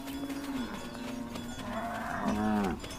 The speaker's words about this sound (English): The cattle spend the nights in the camp. In the morning, young herdsmen guide them back to the pastures. A herd consists of 500 cows, sometimes even more.